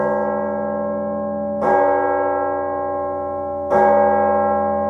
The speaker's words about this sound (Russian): Оканчивая день, медленно ударил колокол на вышке дворцовой церкви. Колокол звонил к вечерне.